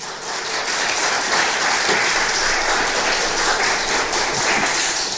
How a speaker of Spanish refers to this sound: ¿Cuántos dicen gloria a Dios? Un poderoso aplauso al Señor.